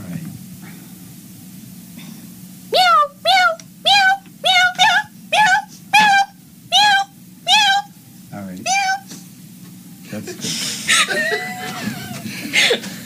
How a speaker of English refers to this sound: all of a sudden you're going to be like, meow, meow, meow. Frantic meowing.